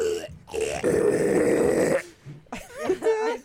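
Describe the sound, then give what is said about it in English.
A person imitates pig squeals with their voice on Peak Radio, with the tongue held to the side of the mouth, producing a loud, harsh, grunting squeal that holds for over a second, followed by shorter wavering squeals and snorts after a brief pause. “Like, if you do, like, you put your tongue to the side of your mouth and go... To the side... Yeah, you can make pig squeals.”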